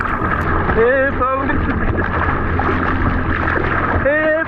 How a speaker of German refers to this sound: So könnte es klingen, wenn ein Schwimmer in der Ostsee vor Warnemünde in Not gerät. Jetzt zählt hier jede Sekunde. Das ist allerdings nur eine Übung.